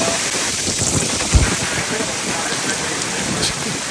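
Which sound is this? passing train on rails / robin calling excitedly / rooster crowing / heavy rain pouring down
heavy rain pouring down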